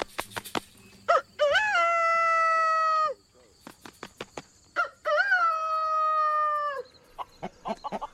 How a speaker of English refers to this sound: The rooster's main call is he makes a crow sound, which is. Most of the time he flaps his chest before he crows.